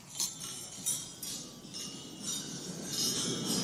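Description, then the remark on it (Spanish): Wine glasses clink together several times in a Spanish-French toast at a gala dinner hosted by Macron, bright ringing taps scattered irregularly over a few seconds against a low, busy background murmur of a gathered crowd. “y quiero que escuchéis el ruido de las copas.”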